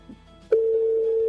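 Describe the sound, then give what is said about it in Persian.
A steady electronic telephone ringing tone on an outgoing call to a listener who does not answer begins abruptly after a brief quiet lead-in and holds as one continuous pitched tone, clear. “زنگ تلفن می رود.”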